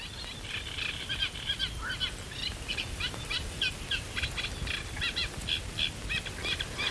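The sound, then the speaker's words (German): A chorus of frogs croaks in a pond bordered by reed beds at daybreak, many voices overlapping in rapid, rhythmic bursts of fairly high-pitched pulses that continue steadily throughout, with no one speaking. “Das ist aber jetzt sehr abgehackt, also wenn dann mehrere am Quaken sind, dann ist das auch ein mächtiges Froschkonzert, wie wir es vorhin ähnlich beim Laubfrosch hatten.”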